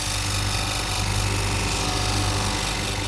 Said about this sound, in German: So, da hört man jetzt, wie ein Stein geschliffen wird.